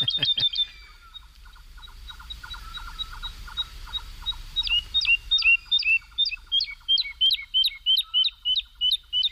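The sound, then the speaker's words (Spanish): A woodlark sings while flying high and flapping its wings frantically, clear: a steady run of quick, repeated whistled notes that builds into a loud, rhythmic series of fluting phrases, with softer lower notes behind. “Y la totobía está, es una alondra, la alondra de bosque, la totobía está volando arriba, aleteando frenéticamente y cantando.”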